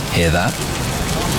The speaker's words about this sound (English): That's the sound of traditionally matured, rich, smoky and spiced pepperoni sizzling away, taking pride of place on a Papa John's pizza.